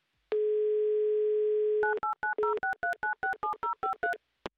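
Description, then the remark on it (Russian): A steady telephone dial tone hums for about a second and a half, then gives way to a quick, even run of about a dozen touch-tone key beeps as a Humor FM radio host dials a listener's mobile phone number for an on-air game. “Так, номер набрали. Будем ожидать соединения. Гудки пошли.”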